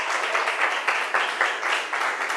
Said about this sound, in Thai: เก่งมากๆเลยปรบมือให้กลุ่มที่สองอีกหนึ่งครั้งค่ะ